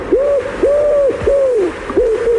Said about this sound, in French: Ce serait quoi pour vous, ça? Ah, c'est le pigeon ramier. C'est le pigeon ramier, d'accord. Ah oui, et là, c'est la saison des amours. Cinq notes, là, c'est le pigeon ramier. D'accord. Bon, il y en a plein dans la région.